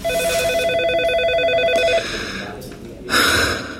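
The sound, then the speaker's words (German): An office telephone rings with a steady, warbling electronic tone for about two seconds, then stops. Brief rustling follows, and a short, sharp noise bursts in near the end. “Das Büro, das Telefon, der Drucker und natürlich die MandantInnen.”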